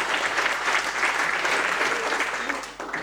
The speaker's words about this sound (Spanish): Y fíjense, una fiesta así significa que los que estamos disfrutando detrás de este detrás de esta fiesta hay un gran trabajo que hicieron varios equipos, y yo quiero que le demos un poco un aplauso a esa gente que hace eso siempre.